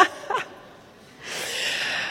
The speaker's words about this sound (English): I think it's so interesting to hear coughing in concerts. There you go. Because coughing, like listening, I think is contagious.